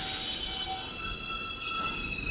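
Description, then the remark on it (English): Three pure, high-pitched tones, known as a New York sound, ring together in a steady, sustained chord over a low, rumbling train-like hum, with no voices. “you hear these three pure high tones”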